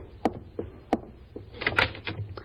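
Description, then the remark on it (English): A front door is unlatched and opened: two sharp clunks of the handle and lock, then a busier stretch of rattling and scraping as it swings open. No one speaks. “There's someone at the front door, George. Will you answer it?”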